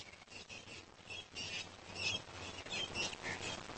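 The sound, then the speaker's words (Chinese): Cape parrots call intermittently while searching for food in a small town during the day, a scattering of short, shrill chirps and squawks repeating over a low, steady background rumble, with no one speaking. “和猴子一样，好望角鹦鹉整个白天都在小镇上寻找食物。”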